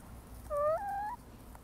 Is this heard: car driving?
no